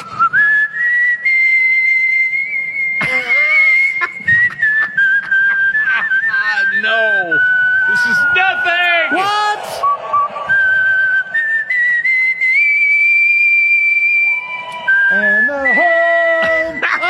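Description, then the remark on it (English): A champion whistler whistles a tune loudly, holding long clear notes with slides and quick trills, rising and falling steadily for the whole stretch as a showy competitive performance. “Who judges the National Whistling Championship?”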